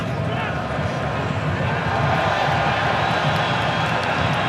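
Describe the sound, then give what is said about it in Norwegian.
A large stadium crowd applauds and roars in one dense, steady wash of noise that stays loud and unbroken for the whole stretch, with a faint murmur of voices mixed in, during a France national team football match. “Stor applaus her.”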